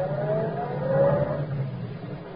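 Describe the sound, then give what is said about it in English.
A car engine hums steadily and revs up slightly as the vehicle drives, a rising whine sweeping upward over a low rumble, moderately loud with no voices. “if I'd kept on going, I'd have run down that policeman.”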